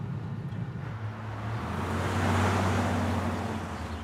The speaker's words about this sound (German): War das da nicht eben Pauls Bulli?